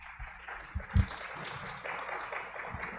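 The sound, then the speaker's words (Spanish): An audience claps steadily for about three seconds, a dense patter of many hands with a few sharper, louder claps standing out near the start, welcoming Antonio Calderón Adel, director of radio at the Universidad de Monterrey, to a panel on LGBTTIQ+ narratives in the media. “Un aplauso, por favor.”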